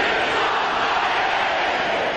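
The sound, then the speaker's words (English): A large crowd roars and cheers continuously at a hockey game in an arena, a dense, steady wall of many voices heard from within the stands, loud and sustained throughout. “Were you a part of the crowd? Oh, yeah. I recorded it, and here's what it sounded like.”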